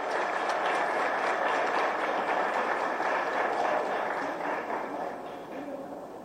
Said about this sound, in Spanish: Invitamos al ministro de Educación y Ciencias, Luis Fernando Ramírez, a dirigir algunas palabras. Fuerte el aplauso para el ministro.